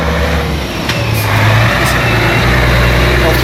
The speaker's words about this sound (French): On va attendre que le camion passe.